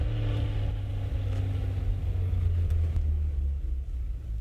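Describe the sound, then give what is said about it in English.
A truck engine rumbles with a deep, steady low drone, holding an even loudness as the truck slowly pulls around to the back of a house, with no voices over it. “Pull around the back. There's a shed where we can conceal the truck.”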